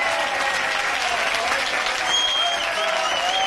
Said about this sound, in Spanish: No, aplauso, campeones. Esa es la familia de la que yo te he hablado, ¿vale? Esa es la familia de la que yo te he hablado. Mira, mira la gente. La verdad que es un orgullo. Es un orgullo, de verdad. No hay mejor recibimiento.